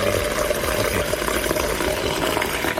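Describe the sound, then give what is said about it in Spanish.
Warm water running steadily from a tap, a continuous hiss and splash that stays at an even, fairly loud level for the whole stretch, with no voices. “Con agua calentita.”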